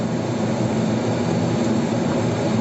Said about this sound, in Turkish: Hatay'ın İskenderun ilçesinde bir motosiklet sürücüsü kendi canını hiçe saydı, diğer sürücüleri de tehlikeye attı. Araçların arasından hızla geçen motosiklet sürücüsünün hız göstergesinin 177 km hıza ulaştığı anlar net bir şekilde görüldü.